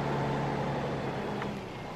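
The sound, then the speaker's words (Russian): A car engine starts easily and hums steadily at a low, even idle, a continuous rumble that eases slightly in loudness toward the end, with no voices. “Машина заводится легко, охотно, словно давно уже истосковалась по работе”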